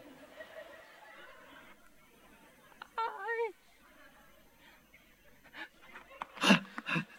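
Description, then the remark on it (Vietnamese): A creature sniffs and pants close by in short, breathy bursts, loudest near the end, with a brief whiny vocal sound in the middle over a low background hum. “Ôi nó hửi hửi cái gì?”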